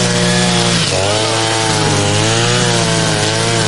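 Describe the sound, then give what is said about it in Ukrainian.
Petrol brush cutters whine steadily as two men tidy up in a settlement: a loud high engine drone with shifting pitch that dips briefly and rises again, running continuously with no voices. “Довкола, попри постійну дронову небезпеку, чутно дзищання бензокіз.”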